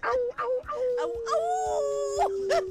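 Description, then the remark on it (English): A dog howls in one long, steady, slowly falling note that lasts a couple of seconds, clear, while people talk briefly over it. “There's another wolf.”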